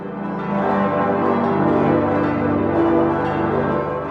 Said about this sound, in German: Schaffbar ist das auf jeden Fall und es wäre, glaube ich, wunderbar, wenn die Friedensglocken dann läuten zum 400-jährigen traurigen Zerstörungsjubiläum.